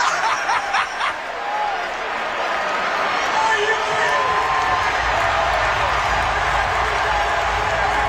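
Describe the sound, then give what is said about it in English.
A loud, dense crowd roar fills the whole clip, steady and unbroken, with scattered chatter, laughs and whoops rising out of the din at a concert. “The crowd's way too loud.”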